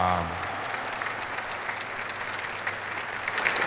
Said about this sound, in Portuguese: Uma salva de palmas para nós que viemos rezar.